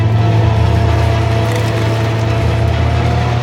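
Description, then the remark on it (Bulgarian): Snowmobile engines of mountain snow troops roar in a steady, loud, low-pitched drone with a buzzing mechanical edge on a foggy mountain summit, holding constant for the whole stretch with no voices. “Рева на моторните шейни разцепва тишината.”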